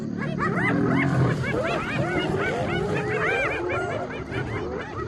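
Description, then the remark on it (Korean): A chaotic fight between a 200 kg male lion and a pack of hyenas that keep provoking it to wear it out, with dense overlapping hyena cackles and whooping giggles over low growls and snarls, loud throughout. “밤새도록 계속할 작정인가 보네요. 사자는 폭발적인 힘을 과시하는 동물이죠. 하이에나는 지구력이 좋습니다.”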